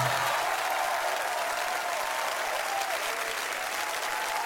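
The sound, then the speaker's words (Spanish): A crowd claps steadily and continuously for the author, a dense, even wash of applause that holds at the same loud level throughout without any pauses or swells. “El aplauso doble para el autor.”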